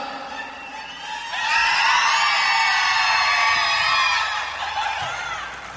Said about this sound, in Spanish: Se echó un grito mexicano. A ver que sigue el grito mexicano, compadre.